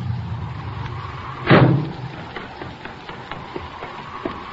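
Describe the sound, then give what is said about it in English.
A car arrives: a low engine rumble idles briefly before a single loud car door slams shut, followed by a few faint clicks and shuffling sounds. “Here comes a car.”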